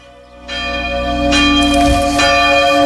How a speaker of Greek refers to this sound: Αλλά καταλαβαίνετε τι έχω στο μυαλό μου όταν βάζω καμπάνες να ηχούν. Καμπάνες. Πολλές, πολλές καμπάνες. Για ακούστε.